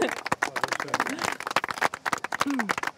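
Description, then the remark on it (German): A small group claps steadily for a few seconds after a guided tour of the Bergpark in Kassel, a dense patter of overlapping hand claps, while a voice or two speaks briefly underneath. “Applaus, echt. Applaus, ja.”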